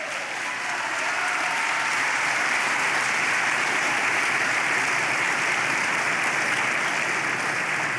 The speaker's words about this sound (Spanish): Dele palmas al Señor.